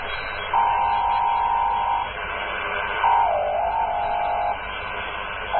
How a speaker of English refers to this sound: We have Morse code. And okay, gentlemen. Yeah. That's Morse code. A sort of Morse code, yes.